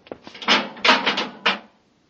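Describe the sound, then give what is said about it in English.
A heavy inner airlock door swings shut with a series of scraping, rattling bursts, ending in one firm thud before silence. There is no talking. “Close. Through the inner door.”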